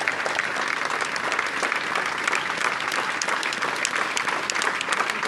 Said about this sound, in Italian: Se sentite l'applauso al feretro che contiene all'interno il corpo di Sofia Barberi, tantissime persone, direi centinaia di persone. Questa è la mamma che chiede ancora un applauso per la figlia Sofia